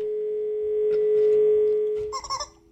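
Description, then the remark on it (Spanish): A steady, unbroken telephone dial tone of an incoming call to a radio programme hums for about two seconds, then gives way to a short burst of higher warbling electronic beeps. No one speaks. “Estamos de regreso en radio, viene una llamada”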